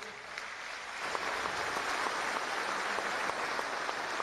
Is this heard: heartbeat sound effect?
no